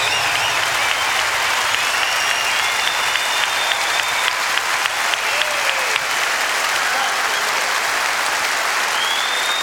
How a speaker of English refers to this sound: But I'd like you also to give another big round of applause to …, because this is what it's all about.